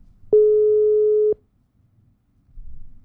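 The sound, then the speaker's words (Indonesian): A single loud telephone tone sounds steadily for about a second, a flat electronic beep, then cuts off into near silence with faint low background noise, as a radio host redials a listener's call. “Oke teman Pro, kita coba untuk telepon lagi nih ya.”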